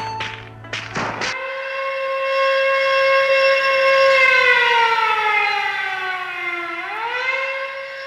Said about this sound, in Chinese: 大年初一的凌晨4点，战备警报突然就拉响了。守岁回来已经睡下的战士们都被惊醒，随即就是一片嘈杂声。